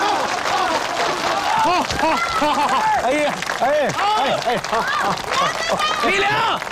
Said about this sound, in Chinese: 大家掌声欢迎。